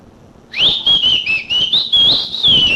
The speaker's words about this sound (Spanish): Chíflele usted, hombre. Ahí voy, pues. Yo le voy a silbar.